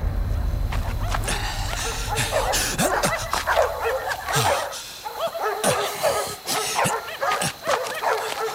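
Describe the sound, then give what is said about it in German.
A large pack of dogs barks and yips continuously, overlapping voices forming a dense, chaotic chorus with occasional whimpers, steady throughout. “Hunde? Das müssen viele Hunde sein.”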